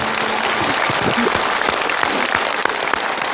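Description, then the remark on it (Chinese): Steady, dense applause from a large audience for a mother, loud and continuous with many overlapping claps and no one speaking. “我们观众用掌声为这位母亲鼓个掌吧。”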